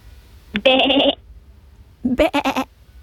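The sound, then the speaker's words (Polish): A woman imitates a sheep, giving two loud bleats: first a steady drawn-out "baa," then after a short pause a quavering, stuttering one. “Ja nie potrafię naśladować owcy.”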